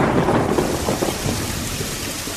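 Steady heavy rain pours down with a dense hiss, while a low thunder rumble rolls underneath throughout, close and loud, with no voices.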